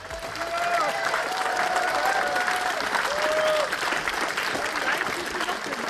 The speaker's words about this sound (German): Sie kam nach Halberstadt und sorgte dafür, dass über 400 Zuschauer den Fischmarkt füllten. Unter großen BSW-Flaggen und Applaus betrat Sarah Wagenknecht die Bühne und richtete ihre Ziele für die Landtagswahl an die Halberstädter.